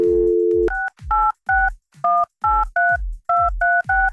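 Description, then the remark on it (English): A brief steady dial tone gives way to about ten crisp telephone keypad tones, punched in quick, fairly even succession as someone dials a guest's mother, clear with no talking. “What's her phone number?”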